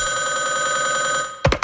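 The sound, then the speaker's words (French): A telephone bell rings loudly and steadily for over a second, then stops abruptly, followed by a couple of short, sharp bursts of sound, as a hunter calls a moose by telephone. “Des chasseurs plus paresseux préfèrent caler l'orignal directement par téléphone.”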